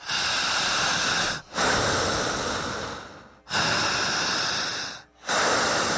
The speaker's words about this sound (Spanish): Aprendan a respirar igual que yo. Y repetiré. Al respirar, no corto respiración y no trago saliva. ¿Ok? Empezamos.